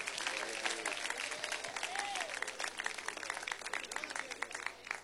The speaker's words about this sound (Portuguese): Bem alegre, bem forte, aplausos para Cristo.